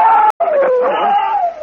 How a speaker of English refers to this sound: Listen. The sonic beam. The Martians are attacking. They must have had a group to the south.